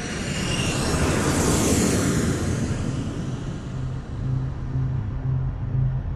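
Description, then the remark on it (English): A Ryan Firebee jet drone, known as the Lightning Bug and flown over Vietnam, roars loudly overhead, its high whine peaking early and then easing into a steady low rumble with a droning hum as it passes. No one speaks. “The Ryan Firebee drone, otherwise known as the lightning bug.”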